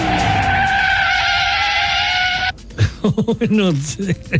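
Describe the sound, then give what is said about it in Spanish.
A sustained, steady screech like tires skidding, made by a voice imitating a car sliding in zigzag on muddy streets, lasts about two and a half seconds before it cuts off abruptly and people start talking. “No hace ese ruido los frenos porque es todo barro, así que patina, claro, sí.”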